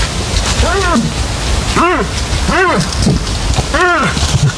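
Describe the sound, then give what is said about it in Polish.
Male moose calling in a forest during the rut to attract females: four low, grunting moans, each rising then falling in pitch, spaced about a second apart over a steady, loud hiss resembling rain. “To odgłosy łosi. Trwa bukowisko.”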